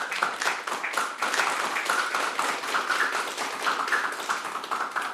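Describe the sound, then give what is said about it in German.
Steady applause from a small group in Merseburg, Germany, for the guest experts, many hands clapping in a dense, continuous patter at moderate volume for several seconds, with no talking over it. “Dicker Applaus für euch und danke für eure Tipps.”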